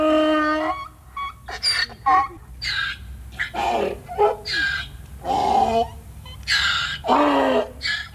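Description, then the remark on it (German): A donkey brays in a long run of loud, rasping hee-haw calls, alternating strained high notes with lower honking ones in a steady seesaw rhythm. “Der Esel ist übrigens eines der wenigen Tiere, die sowohl beim Einatmen wie beim Ausatmen Töne erzeugt.”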